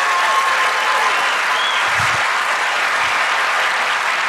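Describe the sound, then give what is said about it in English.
An audience at a Christian sermon breaks into sustained applause, dense and steady clapping at full volume for several seconds with no one speaking over it. “That deserves more than a golf clap.”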